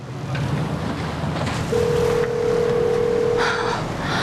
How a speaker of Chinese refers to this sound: 那电话是拿来当砖头用的吗？端，你能不能接个电话？